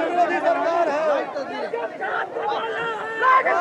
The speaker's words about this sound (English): For the last 1 hour, the cops have been trying somehow to get this group of protesters removed from in front of the bus. A couple of them have fainted right here.